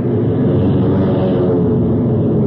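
A steady, loud engine roar fills the whole moment, a dense low drone like propeller aircraft motors running at high power, with no voices over it.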